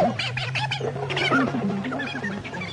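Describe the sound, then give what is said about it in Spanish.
A deep, growling roar of a prehistoric beast, a Diplodocus or Megatherium, rumbles continuously for a few seconds, loud, with rough, shifting snarls layered over a low steady drone. “O interpretar el bronco rugido del Diplodocus y del Megaterio.”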